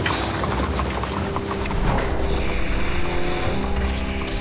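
Horse hooves clip-clop in a steady, rhythmic pattern as horses supply pulling power on a construction site, over a constant hiss of outdoor background noise, fairly loud, with no one speaking.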